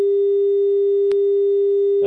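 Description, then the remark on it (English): A steady telephone dial tone hums continuously on a call-in line after a caller disconnected during a live broadcast, loud and unbroken, with a brief click midway and faint noise creeping in at the very end. “we've got the dial tone.”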